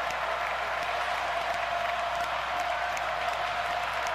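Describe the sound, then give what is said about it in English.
A huge sellout crowd at Jordan-Hare Stadium roars steadily during an Auburn versus Vanderbilt football game on a fourth-and-a-foot play, a dense wall of cheering and applause that stays loud and unbroken throughout, with no distinct voices standing out. “And this sellout crowd responds at Jordan-Hare Stadium.”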